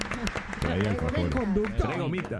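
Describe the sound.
Scattered audience applause, a brisk patter of claps that is busiest at the start, runs beneath steady voices talking over it throughout.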